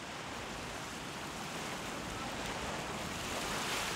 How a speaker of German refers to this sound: Vor der Insel liegt eine Sandbank, die die Wucht der Brandung abhält. Trotzdem wackeln die Bretter bei 6 Windstärken ganz ordentlich.